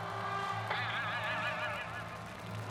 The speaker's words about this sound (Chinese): 鸭子